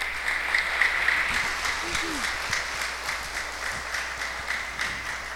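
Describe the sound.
An audience applauds steadily, a dense wash of many hands clapping at an even, sustained level, with faint voices murmuring and calling out underneath.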